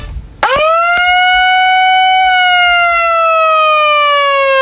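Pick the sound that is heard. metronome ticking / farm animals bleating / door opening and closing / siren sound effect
siren sound effect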